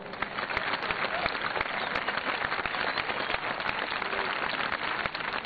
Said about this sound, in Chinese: 中国战略中子源在东莞大朗镇举行工程奠基典礼。中国战略中子源是我国目前单项最大的科学装置，是国之重器。下面让我们掌声有请工程总指挥中科院陈院士。